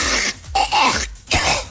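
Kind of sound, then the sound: human body sound, coughing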